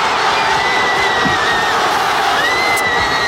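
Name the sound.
crowd cheering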